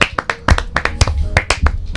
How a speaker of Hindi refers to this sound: तो एक बार बच्चों फिर से ताली बजा दो अपने लिए।